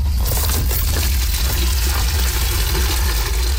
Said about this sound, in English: Volunteers fill buckets with water in a desperate attempt to put out the fire.